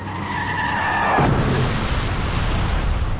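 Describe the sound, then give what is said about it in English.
A car's tires screech in a sustained high squeal for about a second, then a loud car crash bursts in and leaves a rough, noisy rumble of wreckage trailing off to the end. “Car crashes are a leading killer of children 1 to 13.”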